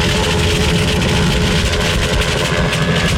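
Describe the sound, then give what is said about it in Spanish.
A helicopter arriving at the Radio Mitre building at Mansilla 2668 in Barrio Norte, heading for its rooftop terrace: a loud, steady mechanical roar that fills the whole stretch, a dense low rumble with a constant engine drone and faint higher whine, and no voices. “Está llegando el helicóptero ya.”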